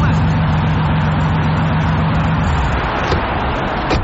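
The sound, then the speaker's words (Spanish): A loud, steady engine of a newly bought car drones with a low humming tone that fades slightly after a couple of seconds, with no voices over it. “Vaya, ¿es este tu nuevo carro?”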